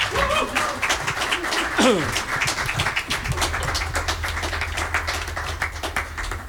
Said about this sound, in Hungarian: Nagy tapsot nekik!